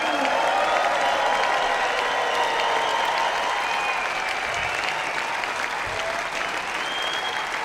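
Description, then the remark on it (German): A large audience at Classic Open Air Nürnberg 2026 applauds the Nürnberger Symphoniker and Jonathan Darlington. A dense, sustained wash of clapping at an even level for the whole stretch, with some faint cheering mixed in and no one speaking. “Ein großer Applaus geht an die Nürnberger Symphoniker und Jonathan Darlington.”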